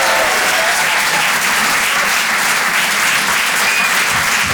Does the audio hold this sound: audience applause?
yes